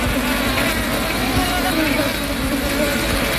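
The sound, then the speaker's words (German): A wasp buzzes steadily, a continuous droning hum that holds at an even loudness for the whole few seconds without pausing. “Zack, sind Sie da gewesen. Die Wespe.”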